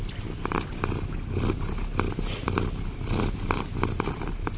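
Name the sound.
cat purring loudly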